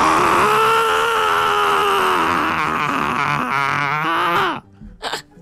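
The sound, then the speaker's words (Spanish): A voice imitates the angry scream of Tronchatoro from Matilda, from the scene where she reaches the garden and cannot find Matilda: one long, loud, strained yell held for about four and a half seconds, wavering in pitch before cutting off, followed by a brief breathy sound. “Y tengo el grito y todo cuando se enoja.”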